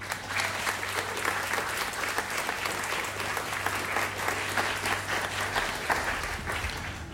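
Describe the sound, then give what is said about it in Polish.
Steady audience applause for a band member during a live concert radio broadcast fills the whole stretch, dense clapping at an even loudness with no pauses, and a low steady hum running beneath it for most of the time. “Brawo dla tego pana.”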